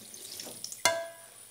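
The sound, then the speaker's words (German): A small splash of water is poured briefly into a metal casserole pan while cooking, with a sharp clink that leaves a short metallic ring fading out. No one speaks. “Ein kleiner Schluck Wasser.”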